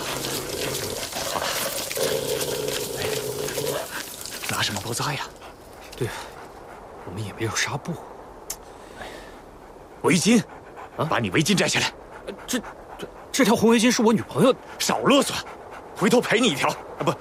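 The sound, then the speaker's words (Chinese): An injured three-legged wolf whimpers in drawn-out, high, pained whines, then pants and yelps in short irregular bursts, fairly loud, with some muffled movement between the cries, as its wound is treated with Moutai liquor as disinfectant. “三腿狼啊，你忍着点啊，不处理一下。”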